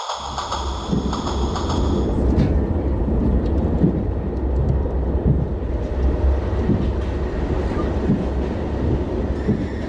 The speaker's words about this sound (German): Ich sitze wieder einmal im Zug von Frankfurt nach Augsburg.